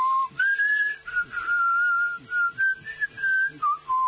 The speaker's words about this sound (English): That's the Lassie theme for all you old-timers.